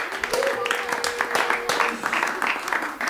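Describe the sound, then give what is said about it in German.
Steady applause from a group, dense overlapping claps at a fairly even loudness for about three seconds, with a faint held tone and a few voices mixed in. “Applaus, Applaus.”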